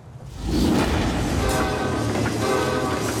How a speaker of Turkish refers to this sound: Güneyde ise çakıl treni tehlikeli bölgeden çıktı ve Anchorage'e yaklaşıyor. Bu treni geciktirmek için depremden fazlası gerekecek.